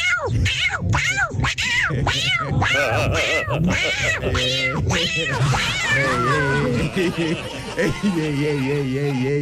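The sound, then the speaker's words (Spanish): A person loudly imitates a yowling, beaten cat with a rapid string of strained, wavering meows and wails, turning into a long drawn-out caterwaul, with some laughter mixed in. “Buenos días, mi talento oculto es un gato apaleado.”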